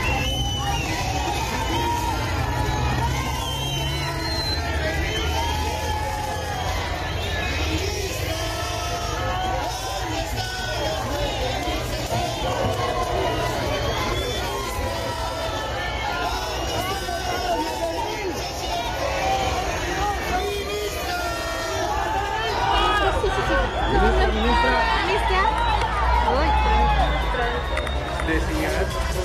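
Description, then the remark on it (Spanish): A crowd of protesting teachers at a vigil in Cochabamba, before a meeting with the Minister of Education, shouts and calls out together, asking where the 9,600 bolivianos are, a dense, loud, overlapping mass of voices that stays steady with no pauses, swelling slightly toward the end. “La tarde de esta jornada en Cochabamba, los maestros instalaron una vigilia antes de comenzar la reunión con la ministra de Educación en Cochabamba. Le gritaron, ¿dónde están los 9.600 bolivianos?”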